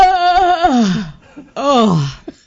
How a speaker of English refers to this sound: Is that me? Yeah, that's a good yawn